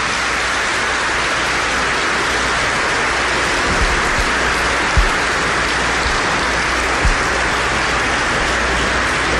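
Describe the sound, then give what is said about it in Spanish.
A church audience applauds the Lord during a sermon in a loud, sustained wash of clapping that holds steady for around ten seconds, with a few slightly stronger claps poking through and no voices. “Por eso, denle un aplauso al Señor, Él está aquí, déselo.”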